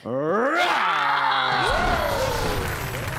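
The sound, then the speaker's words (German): Several voices roar together in a loud, sustained animal-like scream, pitch sliding up and down with rough harmonics, lasting about three seconds, imitating a predatory beast, with the right arm drawn back into a claw, at the Nymphaea in Esslingen. “Aus der Grundposition heraus und dann schreien wir nochmal wie so ein richtiges Raubtier.”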